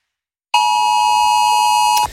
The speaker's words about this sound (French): C'est une sonnerie qui vous a peut-être fait sursauter lorsque le Gard a basculé en vigilance rouge sur la carte de Météo France. Le 30 septembre dernier, c'est l'un des dispositifs mis en place pour faire face aux urgences climatiques